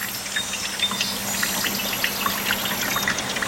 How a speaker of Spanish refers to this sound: ¡Ahí llegó el agua!